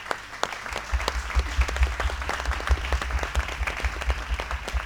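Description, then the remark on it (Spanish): An audience at a student concert of the Escuela Universitaria de Arte applauds for Edgardo Palota, the professor of orchestration, steadily for about five seconds, a dense patter of many hands clapping at once, moderately loud with no voices rising above it. “Hoy es una actividad conjunta entre la materia orquestación, instrumentación y orquestación 3, que da la materia de Edgardo Palota, quien pide un aplauso para él.”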